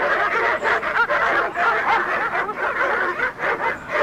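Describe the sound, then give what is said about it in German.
A pack of dogs barks wildly in front of a house in Norway late in the evening, their yaps overlapping into a dense, continuous clamor that stays loud throughout, with no talking. “Aber als wir nach langer Eisenbahn- und Busfahrt und einem nicht enden wollenden Fußmarsch schließlich spätabends vor dem Haus angekommen waren, begrüßte uns nicht Herr Morgan, sondern eine wild kläffende Hundemeute.”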